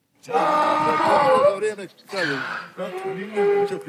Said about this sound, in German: So klingt ein Esel, wenn er Hunger hat.